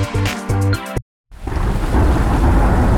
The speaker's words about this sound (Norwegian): Ja, der kom regn igjen.